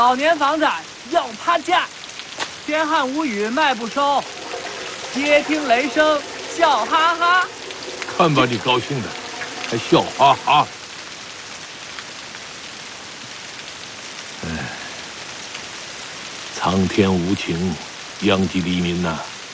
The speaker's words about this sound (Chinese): 天上下雨，地下滑，老年房子要趴下，天旱无雨卖不收，街听雷声笑哈哈。